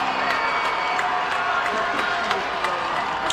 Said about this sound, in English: And once again, they're asking for noise, and this crowd is obliging.